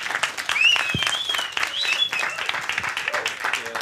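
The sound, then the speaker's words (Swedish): An audience applauds an orchestra steadily throughout, dense clapping with a few high whistles and cheers rising above it. “men först återigen en stor applåd för …!”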